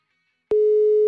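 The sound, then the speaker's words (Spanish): A steady electronic telephone tone starts abruptly after a brief silence and holds at one pitch, the flat beep of a WhatsApp call failing to connect because the dialed number does not exist, with no voices. “Que no existe, dice el número. Es cierto. Estaba marcando por WhatsApp porque por el otro lado no se pudo.”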